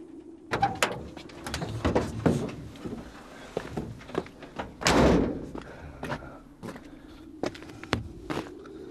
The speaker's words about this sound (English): He kicks the flat tyre and looks round in exasperation.